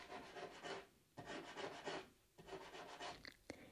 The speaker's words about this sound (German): Das kommt von draußen! Hinten an der Rückwand des Stalls hört man das Scharren.